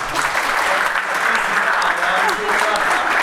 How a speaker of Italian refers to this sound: Beh, un applauso!